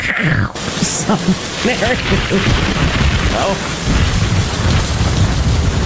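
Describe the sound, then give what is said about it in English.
Heavy rain hisses steadily while deep thunder rolls and rumbles underneath, loud the whole time; a faint voice can be heard murmuring beneath the storm. “The lightning capital of the world is Tampa Bay.”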